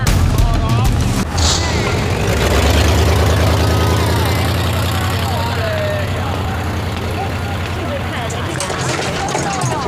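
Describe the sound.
A motorcycle engine idles with a steady, loud low rumble that runs the whole length, while indistinct voices murmur over the throbbing engine.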